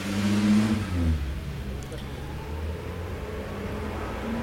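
A yellow postal van's engine rumbles in the first second, then eases and fades as it moves off and turns into the street where the speaker is parked, leaving a steady wash of street noise.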